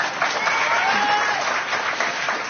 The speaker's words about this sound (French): Ça s'applaudit aussi, oui.